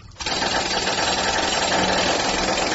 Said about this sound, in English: I mean, where do you get a jackhammer at 2:30 in the morning? This is crazy.